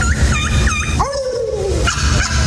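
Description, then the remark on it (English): A champion turkey caller, one of the top turkey callers for 2026, imitates a gobbling turkey: three quick, high warbling yelps, then a long wavering note that slides gradually downward, loud over a steady background rumble. “But what about a champion turkey? The top turkey callers for 2026.”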